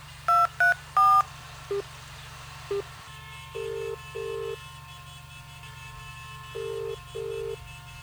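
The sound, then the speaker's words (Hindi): A quick burst of three phone keypad beeps, a couple of soft clicks, then a steady hum with the double-pulse ringback tone repeating twice as a woman redials a call that rings out unanswered. Nobody speaks. “एक बार फिर डायल करती हूँ।”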